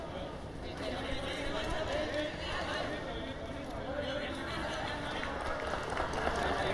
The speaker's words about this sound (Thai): เสียงปรบมือกองเชียร์เริ่มดังขึ้นเรื่อยๆแล้วตอนนี้